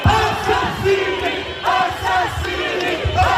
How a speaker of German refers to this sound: Mörder, Mörder, schämt euch, rufen die Menschen.